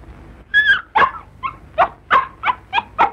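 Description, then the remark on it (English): A very ill puppy whimpers and gives short, high yelping barks, about eight strained cries in a fairly steady rhythm, with no one talking. “To my surprise, he was carrying a magnificent Coelium puppy. I could see the dog was very ill, and I took it from him gently.”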